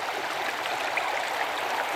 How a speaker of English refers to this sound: The river's a sculptor and a musician, making and remaking itself and the landscape as it flows, sounding itself for and with plants and animals around it.